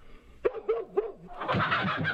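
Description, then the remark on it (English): Three quick, sharp dog barks ring out, followed by a louder, more continuous burst of overlapping barking and noisy commotion. No one speaks. “dogs barked, chickens squawked, there was a loud shout, and there stood Esau in the doorway”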